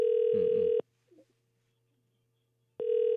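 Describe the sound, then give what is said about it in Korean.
A telephone ringback tone from a call to a dry-cleaning shop owner sounds twice, a steady beep of almost a second, then a long silence broken only by a faint murmur, then the tone starting again, with nobody answering. “아유, 신호가 가는데 전화를 안 받으시네요.”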